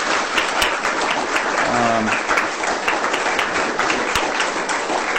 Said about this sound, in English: So could we give them a round of applause, ladies and gentlemen?